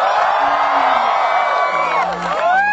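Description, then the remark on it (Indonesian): A Yogyakarta crowd cheers loudly and continuously in response to the host calling out to them, a dense wash of shouting voices with high whoops and rising yells layered on top, swelling again toward the end. “Yogyakarta mana suaranya?”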